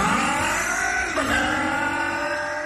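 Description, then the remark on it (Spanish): A four-stroke motorcycle engine revs loudly, its steady roaring drone briefly dipping and climbing again midway, with no voices. “4T Top Loop de Bardal es protección para tu moto de cuatro tiempos.”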